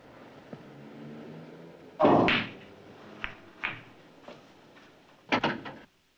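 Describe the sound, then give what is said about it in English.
A bar door is pushed shut by a man with a heavy thud, followed by a few light knocks and rattles, then a final cluster of sharp clunks as it settles. “Coogan shuts the door and stands in front of it.”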